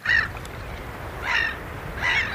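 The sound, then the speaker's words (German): Gulls call three times in loud, harsh, nasal cries spaced about a second apart, crying in the wind on a coast in Sweden in the middle of the night, over a steady low rumble of waves. “Möwen und Wellen, guter Stoff, sagt einer der Moderatoren im schwedischen Radio.”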